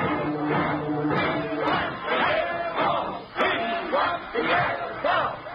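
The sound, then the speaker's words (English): An angry crowd of college rooters gathered in front of the Yale dressing room shouts and clamors at once, a loud, continuous roar of overlapping yells with occasional sharper cries rising above the din. “An angry crowd of rooters is gathered in front of the Yale dressing room, and as Frank steps through the door, he's greeted by the distraught Rutgers captain.”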